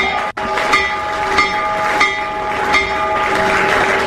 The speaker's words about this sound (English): For Wall Street, President Trump ringing Wall Street's opening bell a short time ago, a promotion aimed at promoting the launch of Trump accounts, giving kids access to investing.